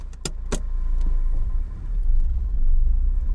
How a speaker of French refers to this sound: Boîte en ferraille montée sur 4 roues, qui file à folle allure en rasant le bitume.